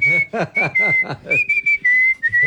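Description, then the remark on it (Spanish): A grandfather whistles a slow bolero melody in long, steady held notes, clear, while another voice talks over the first half before the whistling continues alone. “Pero espere, o sea, todo bien que el abuelo silbe boleros, pero qué pereza uno tener que esperar hasta que silbe todo el bolero.”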